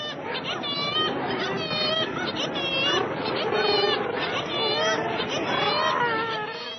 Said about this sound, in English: So, okay, we've established that it is birds, kittiwakes, murres, gannets. What we need to know is where that is.